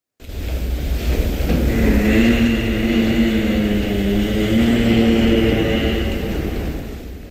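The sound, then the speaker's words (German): A giraffe hums in a low, steady drone with a buzzing, harmonic-rich tone that wavers slightly in pitch, sustained without a break for about seven seconds over a soft rumbling background. “So summt eine Giraffe.”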